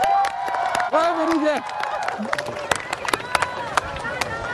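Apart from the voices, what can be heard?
audience applause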